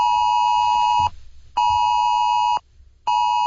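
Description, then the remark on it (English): A phone's emergency alert test tone from Australia's AusAlert system blares in loud, steady electronic bursts, about a second each, separated by brief silent gaps and repeating three times. No one speaks. “Drivers are being warned not to touch their phones while the alert goes off while driving.”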